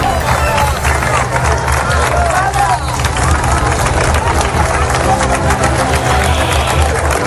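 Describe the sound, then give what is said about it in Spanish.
A large outdoor crowd of pilgrims claps continuously for the National Police at the end of a mass at Cibeles presided over by the Pope, a dense rattling wash of applause at steady loudness, with a murmur of many voices mixed in throughout. “Este es el emocionante aplauso a la Policía Nacional cuando finalizó la multitudinaria misa en Cibeles presidida por el Papa el pasado domingo.”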